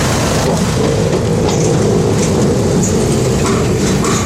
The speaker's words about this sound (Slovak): prechod autami je po dočasnom železnom moste hlučný.